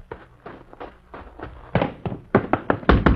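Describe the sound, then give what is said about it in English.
Someone knocks on a door in quick, uneven bursts of raps, starting moderately and growing louder and more insistent toward the end, with no voices heard. “Never mind knocking”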